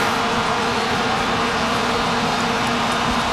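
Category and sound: signal or alarm, vuvuzela plastic horns blaring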